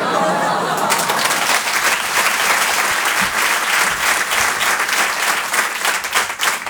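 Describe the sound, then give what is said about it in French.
A crowd at the Rire et Chanson Comedy Club breaks into loud, sustained applause for Aymeric Lompré, a dense wash of many hands clapping that stays steady and full for several seconds without letting up. “Je vous demande également un tonnerre d'applaudissements s'il vous plaît pour Aymeric Lompré.”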